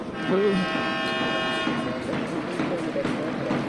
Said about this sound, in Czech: A tak se slyšeli závěrečnou sirénu. Liberec vede nad dánským Herningem v lize mistrů i po dvou třetinách 1-0.